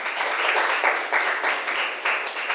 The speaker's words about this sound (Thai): นักเรียนค่ะปรบมือให้เพื่อนหน่อยค่ะ